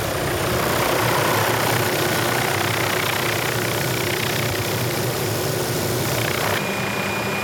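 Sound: helicopter engine in flight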